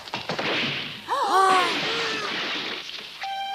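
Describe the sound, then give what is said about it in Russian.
A newly made wooden chair with four separate legs and a backrest, meant as a gift for Jesus, breaking apart: a few sharp knocks and cracks, then a noisy splintering crash with high creaking squeals, settling into a brief steady tone at the end. “Ты не смел ломать этот стул.”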